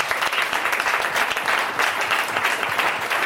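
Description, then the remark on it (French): A sustained burst of audience applause for a guest after a correct answer, dense and steady clapping from many hands filling the whole stretch at a fairly loud level, with no talking over it. “Déjà, on peut l'applaudir.”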